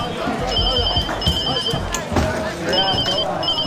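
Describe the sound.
A telephone rings in short, repeating high-pitched electronic bursts over a loud, busy background of voices and clatter during a gambling card game.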